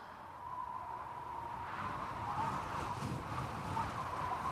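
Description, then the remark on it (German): Wind blows steadily through the bare treetops of the Gargenwald forest, spanning the principalities of Rabenhain and Grimbach, a continuous rushing hiss with a faint whistling tone that swells gently in the second half. No voices are heard. “Der Wind wehte durch die inzwischen kahlen Baumkronen des berühmten Gargenwaldes.”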